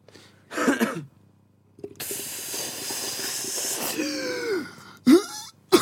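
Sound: coughing into a microphone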